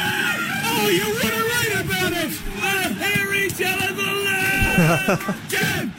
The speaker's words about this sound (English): And coming up after the 8:30 sport headlines, we'll be talking to one of the people that you could hear screaming in the background there